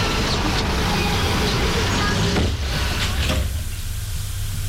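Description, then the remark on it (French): An unlocked apartment building door is pushed open partway through, a short scraping swing heard over a steady, loud rumble of street traffic. “Elle pousse la porte qui n'est pas fermée et il rentre.”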